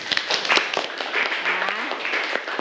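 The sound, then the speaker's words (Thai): A class of students clapping together for two groups who answered in class, a dense, steady patter of many hands lasting a few seconds at an even loudness, with a faint voice briefly audible underneath. “โอเคปรบมือให้กับทั้งสองกลุ่มเลยค่ะ”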